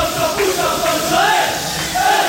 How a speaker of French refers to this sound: Des chants, des klaxons, des fumigènes aussi allumés par des Corses qui fêtaient la défaite de la France.